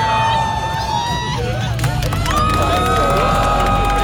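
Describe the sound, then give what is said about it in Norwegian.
A large celebrating crowd on Karl Johan cheers and shouts "yes" together as a man proposes on one knee, many voices rising and overlapping in a loud, continuous roar with individual yells poking through, sustained throughout. “Ja, det høy jubel. Alle rundt roper ja, og det ja ble ja.”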